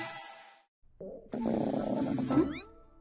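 stomach growling

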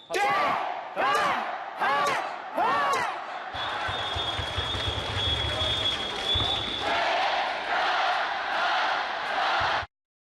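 crowd cheering and shouting

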